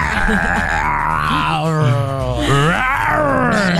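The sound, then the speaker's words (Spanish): A person imitates a roar with a loud, sustained, growling vocal sound, rising and falling in pitch over a few seconds, with no other talking. “Bueno, te toca a ti tu rugido.”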